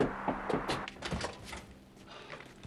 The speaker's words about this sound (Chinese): 还开门？